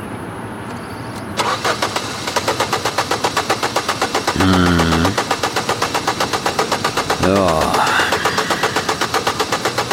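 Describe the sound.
A car's starter motor cranks in a steady, rapid chugging rhythm for several seconds without the engine firing. A voice speaks briefly over it.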